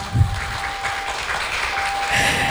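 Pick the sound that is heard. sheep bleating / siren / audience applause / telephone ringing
audience applause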